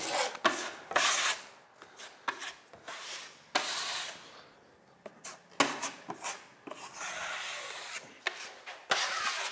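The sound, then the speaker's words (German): Fairly loud hand sanding during interior finishing work on a house: irregular bursts of gritty, rasping back-and-forth strokes with brief pauses between them, and no voices. “Ich bin gewarnt beim Innenausbau, beim Verspachteln und beim Schleifen.”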